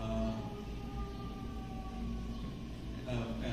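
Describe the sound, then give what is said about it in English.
A siren wails steadily in a Chicago neighborhood over a low, constant rumble, its drawn-out tone holding for several seconds without fading. “There's a lot of birds going on there. A lot of birds, a lot of sirens.”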